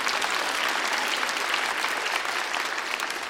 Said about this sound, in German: War das besser als vorher? Ah, dann einen Applaus nochmal für die Pauke.